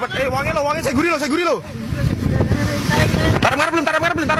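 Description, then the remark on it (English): Rescuers scramble as they arrive at temporary medical facilities in an Indonesian port after a ferry overturned in bad weather in the Java Sea: several urgent, strained voices shout and call out over a constant rumble of wind and engine noise, the commotion continuous throughout. “The sound of rescuers scrambling as they arrived at temporary medical facilities in an Indonesian port.”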